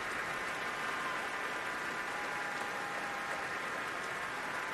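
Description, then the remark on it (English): A large concert audience applauds steadily as a soloist walks back onto the stage with conductor Lahav Shani and the Munich Philharmonic Orchestra, a dense, continuous wash of clapping that holds an even level throughout with no voices over it. “being pushed forward to take the applause on her own”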